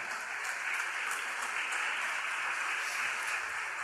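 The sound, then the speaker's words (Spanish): A church audience claps for the Lord steadily, a dense, continuous wash of many hands with no pauses and no voices standing out, holding an even loudness throughout. “Aplaudo al Señor.”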